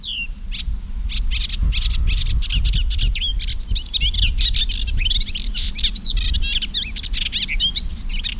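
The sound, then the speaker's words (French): A male melodious warbler, perched on a stem, sings a fast, continuous, chattering song of high twittering and scratchy notes, steady and loud throughout, over a low rumbling background hum. “Par contre, lui, il est photogénique, parce que le mâle, il est sur une tige et il chante tant qu'il peut.”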